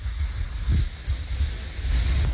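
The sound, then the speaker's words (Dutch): Light wind gusts buffet the microphone outdoors on a dry, fully overcast morning, making a low, uneven rumble that rises and falls in soft puffs over a faint hiss, with no voices. “Er is een beetje wind, ja.”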